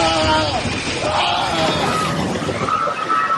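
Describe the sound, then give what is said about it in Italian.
A loud, steady rumbling roar from a magnitude 7.4 earthquake in Colombia, full of crashing noise, with people screaming and crying out over it for the whole few seconds. “Un boato e poi le grida.”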